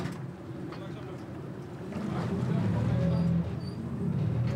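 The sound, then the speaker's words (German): A houseboat being towed across water during a family move to a quieter mooring: a steady, low engine rumble with a droning hum that swells slightly louder midway and holds without pause. “Mickys erster Einsatz heute, Familienumzug mit Hausboot.”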